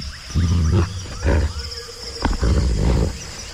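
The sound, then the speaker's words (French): Deep, rumbling growls from more than one wolf, one very large, come in three rough snarling bursts, loud, with short pauses between them and a faint high insect-like hiss in the background. “Il n'y a pas qu'un seul loup, Dick. En voilà un autre qui arrive.”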